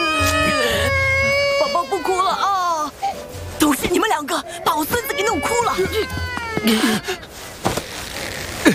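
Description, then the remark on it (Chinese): A baby cries loudly in long, rising and falling wails, pausing briefly for breath before starting again, continuing almost without letup. “越哭越凶了，”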